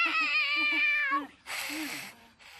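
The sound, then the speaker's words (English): A cat that does not want to be hugged lets out a long, wavering yowl, strained and drawn out, then breaks into a short burst of noisy hissing and scuffling before a faint rustle. “Turns out Kitty does not want the hug.”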